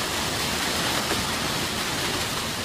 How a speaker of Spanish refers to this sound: A morir, qué vendaval tan bravo de Cartago, vean. Dios, líbranos, señor. Muy bravo este vendaval. Y la caída de granizo.